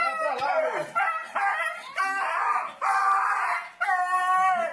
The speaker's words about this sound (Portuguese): Covardia registrada em vídeo. O homem agride o cachorro com um pedaço de madeira até a morte.